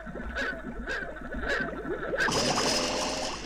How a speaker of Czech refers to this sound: A já bych potřeboval, kdybys vzal kousek stébla a nafoukal do nádrže trochu bublinek.